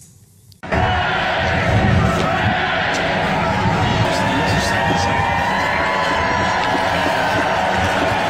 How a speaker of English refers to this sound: The crowds cheered as King Charles, Queen Camilla and the Prince and Princess of Wales stepped onto the Buckingham Palace balcony before the finale, which saw the famous Red Arrows roar overhead in a dazzling flypast.